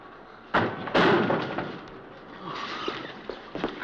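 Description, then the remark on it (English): A door bangs loudly twice in quick succession, then rattles and creaks as it swings open, with no talking. “Open the door!”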